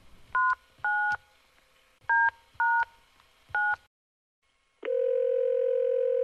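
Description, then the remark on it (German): Five short dual-tone keypad beeps as a woman dials a number on her mobile phone's keypad to call a travel agency, in two quick clusters, followed by a brief pause and then a steady, continuous ringback tone. “Als sie die Nummer gefunden hatte, überlegte sie kurz und wählte dann diese auf der Zahlentastatur ihres Handys.”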